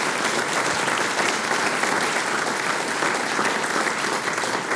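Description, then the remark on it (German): Steady, dense applause from an audience in the Murtal for a young harmonica player's teacher, a continuous wash of many hands clapping at a fairly loud level throughout, with no voices rising above it. “Ja, ein Applaus.”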